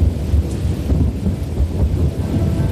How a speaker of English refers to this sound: A long time ago out west, a storm rolled off the mountains. The huge thunderclouds rumbled and growled.